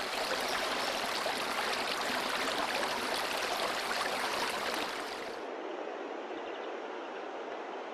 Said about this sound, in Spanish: El rumor que del agua se escucha en su profundidad embelesa los oídos, mientras que la contemplación del agua derrochándose y saltando entre las rocas anonada la vista.